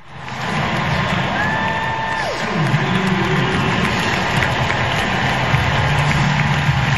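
A large crowd at the US Open in New York cheers in a loud, sustained roar as Serena Williams loses, in September 2022, recorded on a phone, holding steady for several seconds, with a brief whistling tone sliding downward early on.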